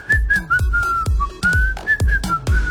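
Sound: human whistling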